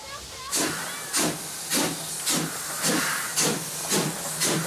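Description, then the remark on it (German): A steam locomotive, number 86 333 of the Wutach Valley Railway, hisses steam at Weizen station before an uphill run, in strong, rhythmic bursts, about eight evenly spaced puffs over a low mechanical rumble, fairly loud. “Zugtier ist 86333, eine von insgesamt 5 Dampfloks der Wutachtalbahn.”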